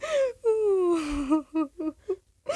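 A woman cries, starting with a long wavering whimper that slides downward, then breaking into four short gasping sobs in quick succession.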